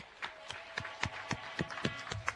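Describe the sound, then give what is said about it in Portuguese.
Quiet audience applause at a gathering in Mavago, Mozambique, heard as a steady series of sharp, evenly spaced claps rather than a dense roar, with a faint background hum and no voices. “Eu quero pedir uma grande salva de palmas para eles.”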